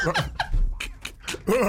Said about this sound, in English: The dog panicking, boy.